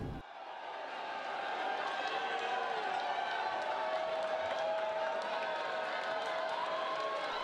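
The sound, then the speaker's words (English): A large crowd at the Rimini Fiera cheers and applauds the Pope as he passes by, blessing children and greeting the faithful; a dense, steady roar of clapping and shouting voices with occasional high whistles, holding at the same loud level throughout without fading. “And as you can see, he's going through, he's passing by the crowds, he's blessing some children, he's greeting the faithful and greeting all those who have gathered to see him for this visit.”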